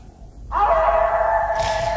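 A wolf howls in one long, sustained, fairly loud note that rises at the start and then holds steady for over a second, with a faint hiss around it and no voices.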